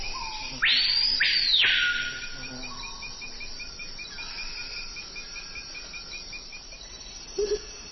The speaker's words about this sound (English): What are the sounds we're hearing? Now, that's the colorful cry of the surprisingly drab screaming peahaw.